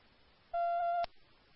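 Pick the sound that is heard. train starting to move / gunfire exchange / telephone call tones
telephone call tones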